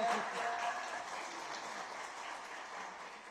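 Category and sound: crowd, group applauding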